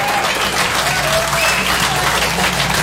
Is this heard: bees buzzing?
no